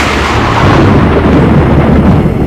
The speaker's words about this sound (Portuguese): O trovão, o relâmpago, o raio atingiu a minha irmã.